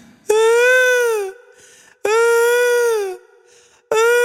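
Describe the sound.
A voice imitates a boy on a bicycle who cried because he did not want to ride any further, with three loud, drawn-out wails, each about a second long, held high and steady before sagging in pitch, separated by brief gaps.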